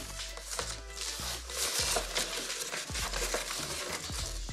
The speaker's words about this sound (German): Nee, das geht gar nicht. Guck mal, da reißt sich die Folie sofort ein.